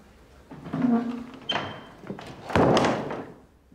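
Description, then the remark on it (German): A door is swung shut: a short creaking tone, then a soft knock and a heavier dull thud with a brief rattle. “Kannst du nicht mal die Tür zumachen?”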